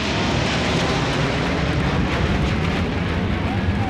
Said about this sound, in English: Before the race, military bands lined the streets, and military planes thundered overhead.